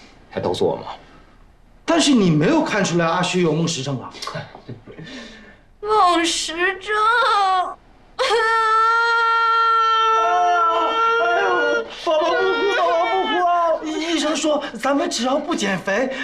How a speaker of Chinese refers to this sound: 哎呦，宝宝不哭，宝宝不哭！